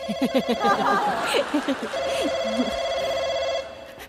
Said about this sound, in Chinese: 回来，接电话。